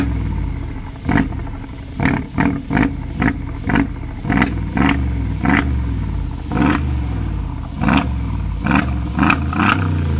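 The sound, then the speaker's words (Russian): A V8 car engine in a studio, started with a key, rumbles with a deep, steady low growl, broken by a series of sharp, rhythmic bursts as it is revved repeatedly; no one speaks. “Мы сейчас с тобой ее заведем и послушаем.”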